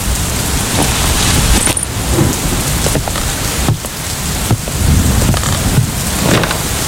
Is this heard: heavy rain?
yes